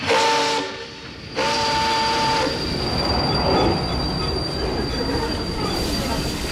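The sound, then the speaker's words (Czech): Metal train wheels squeal loudly against the rails in sustained, high-pitched screeches over a rumbling carriage, with a brief dip before the noise swells back, continuous with no voices. “Tak si uděláme výlet a pojedeme vláčkem.”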